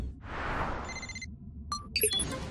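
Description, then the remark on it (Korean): In the cartoon Super Wings, a whooshing burst gives way to a short run of bright electronic ringing tones, then a few chirpy beeps, like a cartoon incoming-call alert, over a low rumbling background: an incoming call from the Sahara Desert in Egypt. “슈퍼패틀한테서 전화가 온 거야.”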